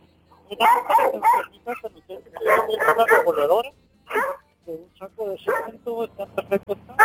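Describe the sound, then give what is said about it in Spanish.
A caller's small dog yaps and whimpers in quick, high-pitched bursts, sounding thin and compressed over a phone call and interrupting it, with people talking around the barking. “Calle su perrito porque le está interrumpiendo la llamada.”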